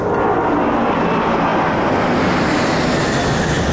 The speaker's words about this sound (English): It's just these planes. They're so loud I can't concentrate.